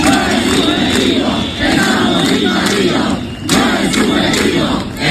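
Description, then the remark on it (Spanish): A loud protest crowd of Ceuta residents in Ceuta shouts slogans in unison, "¡No es subjetivo! ¡Estamos invadidos!", demanding solutions, the chant rising and falling in repeated phrases with brief dips between them, many voices blending into a dense roar. “No es subjetivo, gritan los ceutíes, que tienen que escuchar que su ministro del Interior se refiere a lo que están viviendo como una inseguridad subjetiva.”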